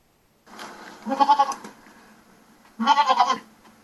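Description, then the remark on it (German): A goat bleats twice, each call a loud, quavering cry lasting about half a second, separated by a short pause, with nothing else around it. “Liebe Ziege, warum bin ich so hässlich?”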